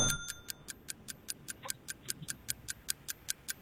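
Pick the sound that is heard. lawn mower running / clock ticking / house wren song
clock ticking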